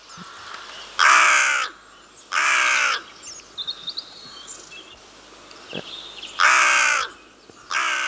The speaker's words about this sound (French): Alors là, c'est ce qu'on appelle les notes en harmonique. Donc, je pense qu'ici, tout le monde a reconnu notre chère corneille noire.